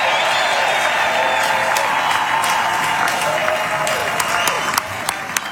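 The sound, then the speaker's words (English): Sustained applause from a massive crowd fills a reverberant indoor venue packed all the way upstairs, dense and steady with scattered louder claps and whoops rising out of the wash of sound. “I'm looking at this massive crowd. It's filled all the way upstairs, all the way.”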